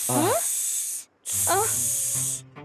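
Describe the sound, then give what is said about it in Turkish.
Two long, loud hisses in a row, each about a second, with a brief gap between them. Voices seem to make the hissing, imitating a snake, with a rising vocal tone underneath. “Durun durun, biz köstebek değiliz. Biz yılanız.”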